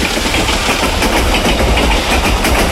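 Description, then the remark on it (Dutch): A train rumbles by at an unhurried pace, its steady low engine drone and broad noise filling the scene with no one speaking. “Ja, een trein.”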